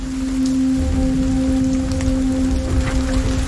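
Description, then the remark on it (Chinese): Steady light rain, the prelude to a storm, patters on open grassland in a soft, continuous hiss, with a low hum and a couple of steady tones running underneath. “这群欧洲马鹿是否知道现在的小雨这是暴风雨的前奏？”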